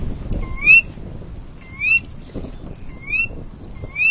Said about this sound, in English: That's a Sora rail, a small bird about the size of a robin. It's one of many different kinds of rails.